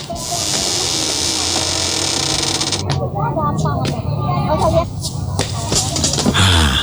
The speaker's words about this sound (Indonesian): Sebentar, saya tutupkan dulu pintu pagarnya Pak.